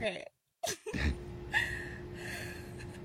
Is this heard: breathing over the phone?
yes